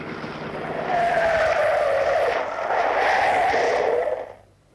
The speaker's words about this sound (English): Hello, what's this coming up behind? Looking like the very devil, too. All right, you can pass if you want to. Oh, police car. Flagging us down.